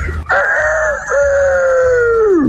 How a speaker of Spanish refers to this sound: No, ese es un gallo bien roncote, ¿Qué tiene ese gallo? No, ya se va a morir, está bien malo, que es de la garganta.